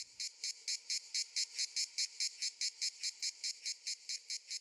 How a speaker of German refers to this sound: Das gleichmäßige Singen der Manna-Zikade gehört dort vielerorts zu den heißen Tagen. Auch die Tiere selbst fallen auf. Sie sind relativ groß, kräftig gebaut, mit durchsichtigen Flügeln.